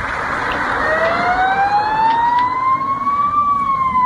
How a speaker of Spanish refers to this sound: Es el sonido de las sirenas.